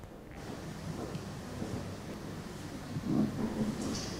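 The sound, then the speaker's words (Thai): A group of students in a class crumple plastic bags steadily, making a dense, crackling rustle that imitates falling rain. The noisy patter runs continuously and swells slightly louder near the end. “ขยำแล้วเรียนแบบเสียงอะไรคะ ฝนตก นักเรียนกลุ่มหนึ่งนะคะเลือกถุงมาขยำเพื่อเรียนแบบเสียงของฝนตก”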